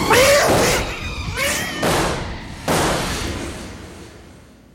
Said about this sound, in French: C'est épouvantable. Je n'ai jamais vu une chose aussi effroyable. Ce chat est devenu fou. Mais comment a-t-il pu revenir à l'état sauvage en si peu de temps?